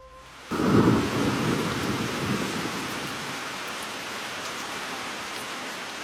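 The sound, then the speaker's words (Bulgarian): A storm of pouring rain bursts in suddenly as a dense, steady hiss, with a heavy low rumble swelling at the start and wind roaring beneath it throughout; nobody speaks. “Под лампата в моята стая, с притихналата до мен Флора, дълго стоях пред белия лист, заслушана в плющящия дъжд и вилнещия вятър.”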